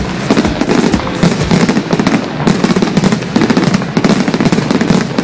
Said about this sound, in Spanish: Bueno, ahí va los cohetes.